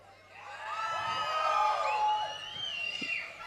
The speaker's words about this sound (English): So when I say one, two, three, four, and when I'm gonna count, un, zwei, drei, vier, you're gonna scream.